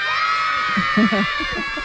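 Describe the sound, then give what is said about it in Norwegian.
A dense crowd of excited children shouting and squealing all at once as they run to an ice cream truck offering free ice cream, pushing and fighting to get in, a steady loud clamor, with a voice briefly talking over the din. “det bare kommer unger bare tytende og løpende og presser seg på og dytter bort lærerne og slåss for å komme seg inn i isbilen”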